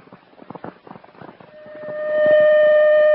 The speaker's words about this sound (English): Attention citywide alarm.